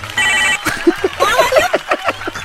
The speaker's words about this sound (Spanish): Vámonos, échale. Y hasta vergüenza me da que suene el teléfono, carnal.